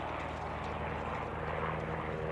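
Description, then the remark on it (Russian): A light propeller airplane drones steadily overhead, arcing over a steppe slope. Its engine is a loud, continuous buzzing hum with a low throbbing rhythm that holds throughout, without any voices. “Описав дугу, над склоном пролетает легкий самолет.”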